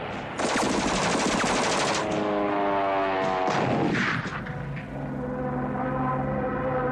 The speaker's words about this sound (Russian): Пулеметная очередь проходит в полуметре от плеча Лопахина.